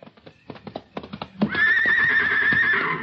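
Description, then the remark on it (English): A horse named Sammy gives a loud whinny lasting over a second, preceded by a quick series of clip-clopping hoof steps. “It's for Sammy. The horse? Sure.”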